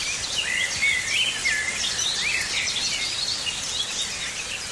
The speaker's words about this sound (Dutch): Anneke Rodenburg uit Wichmond hoort vanuit het slaapkamerraam gestaag de regen vallen. Maar ook de zwartkop, de merel en de tuinfluiter zingen.